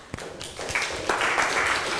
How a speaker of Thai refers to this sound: ค่ะขอเสียงปรบมือให้กับเพื่อนกลุ่มที่1ของเราด้วยนั่นเองนะคะ